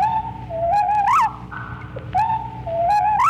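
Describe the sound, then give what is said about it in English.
A slowed-down whippoorwill song: its usual three-note phrase becomes five low, drawn-out whistled notes sliding upward at the end of each phrase, the phrase sung twice in a row with some background hiss. “When slowed down, this becomes a five-note phrase,”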